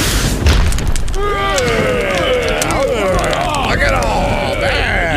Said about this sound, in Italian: Grug però non si accorge che quello sarebbe stato l'ultimo click del povero Click. Già, il fulmine lo ha folgorato all'istante, riducendo il poveretto in cenere.